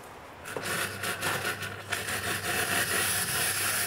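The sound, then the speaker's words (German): A malfunctioning coffee machine hisses steadily with a broad, airy steam rush over a low mechanical hum, punctuated by faint clicks and sputters, continuous for a few seconds. “Die Kaffeemaschine streikt.”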